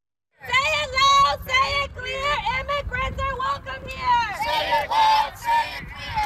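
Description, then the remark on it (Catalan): A crowd of protesters at an improvised street protest in Houston, Texas, shouts in the street, many raised voices overlapping in loud, sustained, strained cries that swell and dip in waves after a brief moment of silence. “Són els crits d'una protesta improvisada a Houston, a Texas, on l'FBI investiga la mort a trets d'un migrant mexicà a mans d'un agent del Servei d'Immigració i Control de Duanes.”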